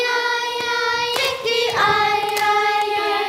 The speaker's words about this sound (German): 24 Mädchen und Jungen im Sommeroutfit sitzen bei heißen Temperaturen im wohltemperierten Chorsaal, klatschen in die Hände und auf ihre Oberschenkel und singen sich warm.